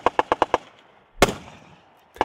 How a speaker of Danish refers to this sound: På Bornholm kan man rundt omkring høre skud og brag i de her dage.